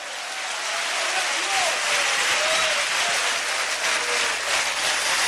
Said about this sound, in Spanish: Fuerte ese aplauso a Cristo.